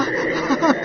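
A dense chorus of frogs croaking, a steady overlapping chatter of calls that fills the brief moment at moderate loudness, with a couple of slightly louder croaks rising near the end.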